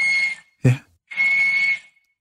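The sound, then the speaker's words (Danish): A walrus whistling on land: two steady, shrill, sustained whistles with a short low grunting thump between them, fairly loud, with no voices. “Det er en valros.”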